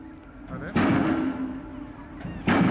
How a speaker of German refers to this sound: Dafür müssen sie in den Boden gerammt werden, 26 Meter tief. Das braucht Kraft, die per Öldruck aufgebaut wird. Dieser Hydraulikhammer gibt einen Schlagimpuls von sage und schreibe 10 Tonnen ab.